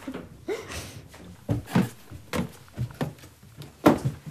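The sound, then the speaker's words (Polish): Creaking from an old wooden house near Banie Mazurskie, Poland: a series of irregular groans and squeaks, some short and some drawn out, moderately loud, with quiet pauses between them. “Skrzypi ten dom cały. Skrzypi cały dom, a jak wieje, jak skrzypi.”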